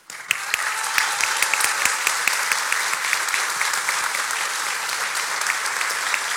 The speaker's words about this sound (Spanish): Por eso, hoy quiero que una parte de este aplauso también sean para ellos.